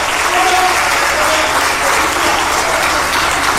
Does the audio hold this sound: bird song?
no